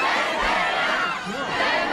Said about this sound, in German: Und vor allem, wenn Zendaya den schwarzen Teppich betreten hat, dann gab es Jubel ohne Grenzen. Hören Sie mal.